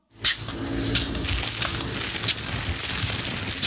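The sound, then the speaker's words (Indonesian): Steady crackling and crinkling of a plastic cup being crushed and thrown into a bin, with sharp snaps scattered through a continuous rustle lasting several seconds. “Sini deh, aku buang ke tempat yang benar.”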